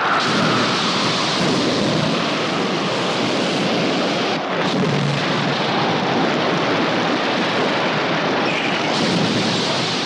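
A loud, unbroken roar of a night storm at sea around the ship Patna, with dense rushing wind and churning rain or surf and a deep rumbling underneath, filling the whole ten seconds at steady intensity with no voices.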